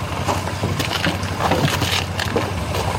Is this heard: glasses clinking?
no